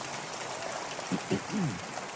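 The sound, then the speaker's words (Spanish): A church audience applauds the Lord in a steady, dense wash of clapping that holds at an even level throughout, with a brief voice rising over it partway through. “Pueden darle un aplauso al Señor, que los veo muy serios.”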